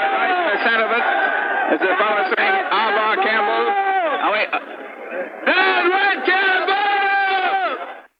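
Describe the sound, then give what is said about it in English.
A large crowd on streetcar tracks, trying to stop the streetcars, jeers and shouts as police form a line and push them back, in a loud, continuous roar of overlapping voices, with rising and falling yells, a brief dip in volume and then a renewed surge before it cuts off. “They jeer as the police try to push them back.”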